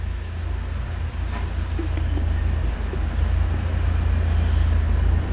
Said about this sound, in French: Le camion de livraison boisson démarre.